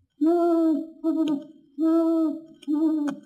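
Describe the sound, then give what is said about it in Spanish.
An owl, Mr. Owl from Winnie-the-Pooh, hoots four times, in two pairs of long, rich, steady calls, loud with brief gaps between them and no talking; he has flown in and perched on a branch in front of Pooh. “En cuanto Conejo partió, llegó volando el señor Búho y se posó en una rama frente a Pu.”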